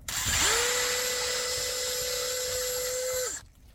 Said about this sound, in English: Drill that hole. And I just drilled a hole in the birch, just go in an inch or so, and I put a piece of plastic tubing that I'm my own invention of putting it in the tree and then into the jug.